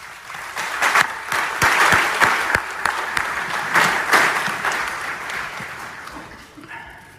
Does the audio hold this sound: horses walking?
no